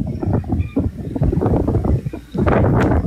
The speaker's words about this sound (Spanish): el ventarrón que los acompaña hasta ahora